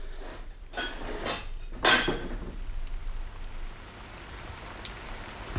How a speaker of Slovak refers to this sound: Ešte aj s tým dažďom.